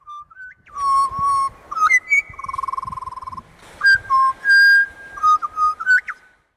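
Birds singing in clear, flute-like whistled phrases, some notes held and one quick warbling trill, loud over about six seconds with no talking.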